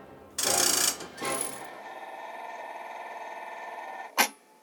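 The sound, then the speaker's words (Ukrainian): A broken clockwork toy nightingale's mechanism lets out a loud hissing burst instead of its song, then a shorter second sputter, then a thin, steady mechanical whir that ends in one sharp click. No voices. “Та одного дня замість співу почулося якесь шипіння.”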